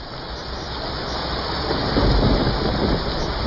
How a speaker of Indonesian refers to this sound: Malam itu hujan turun sangat deras di sebuah desa di lereng perbukitan. Hujan yang tak kunjung berhenti sejak sore mulai menimbulkan kekhawatiran.